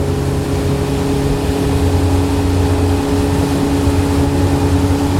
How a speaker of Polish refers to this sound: Tutaj nagrywanie na łódce jest trochę utrudnione, bo wiadomo, że jest tutaj duży hałas.